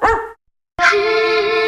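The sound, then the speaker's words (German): A dog barks once, short and sharp, then after a brief pause lets out a longer, drawn-out bark that trails into a whine. It is loud, with no voices. “Die mit dem gelben Hund.”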